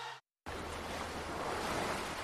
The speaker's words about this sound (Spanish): Las olas que llegan a las costas nos dan aire, alimento y equilibrio.